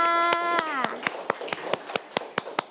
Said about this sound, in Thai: เก่งมากค่ะปรบมือให้เพื่อนค่ะ